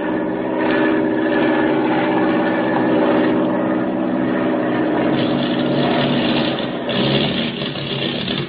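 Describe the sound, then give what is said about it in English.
The propeller engine of an airplane given by the French government, flying over the Indian Ocean with motor trouble, drones loudly and continuously, its tone wavering and uneven as if running rough, with a brief stutter near the end and no voices. “We've got motor trouble.”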